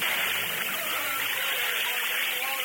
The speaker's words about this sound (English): There is drum in water. It is new spirit. Look, the water bubbles.